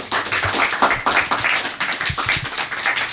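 Steady applause from a group, many hands clapping in a dense, continuous patter that stays fairly loud throughout, with no voices over it.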